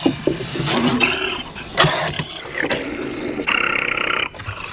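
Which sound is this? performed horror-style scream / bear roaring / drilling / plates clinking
bear roaring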